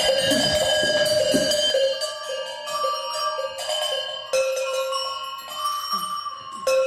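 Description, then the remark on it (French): Several bells ring out together in overlapping peals, their long sustained tones layering into a rich, continuous clang that stays loud throughout, with fresh strikes every second or so. “Oui, elles ont toutes des qualités évidemment sonores très différentes. Et des cloches”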